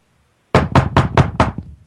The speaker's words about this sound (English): Hold on, guys. There's a knock at my door